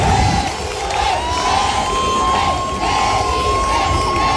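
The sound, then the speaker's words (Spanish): A crowd of hundreds of citizens cheers and shouts continuously in the main square of Melilla, welcoming the head of state on his first official visit, a dense, steady roar of many voices with a thin, sustained high-pitched tone running through it. “Cientos de ciudadanos los han recibido en la principal plaza de la ciudad, algunos esperando desde la madrugada y otros incluso cambiando las clases por presenciar este momento.”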